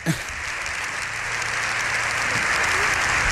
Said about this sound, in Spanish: Las tribunas llenas también por las imágenes que estamos viendo. Esto también es insólito, alguien que concite los aplausos vamos, de toda vamos. La cámara. Vamos, vamos. Esto no lo veíamos.